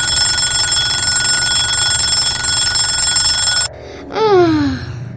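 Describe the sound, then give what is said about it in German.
A boy's alarm clock rings loud and steady for several seconds, then cuts off abruptly, followed by a short, sliding groan-like vocal sound. “Jetzt klingelt sein Wecker.”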